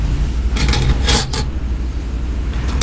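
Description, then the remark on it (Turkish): A fork and spoon clink against a plate in two quick clusters of bright metallic taps over a low steady hum, with one more faint clink at the end. “Garpu sama sendoknya.”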